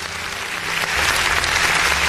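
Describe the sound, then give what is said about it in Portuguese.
A button-triggered applause sound effect plays on its own, for the Polícia Federal and Polícia Militar: a dense crackle of many hands clapping that swells louder after the first second and stays steady to the end. “Então, se você estiver, por favor, aperta o danado desse botão aí, porque eu quero parabéns ou então aplausos aí para a nossa Polícia Federal e para a nossa Polícia Militar.”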